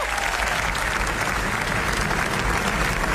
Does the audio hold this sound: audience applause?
yes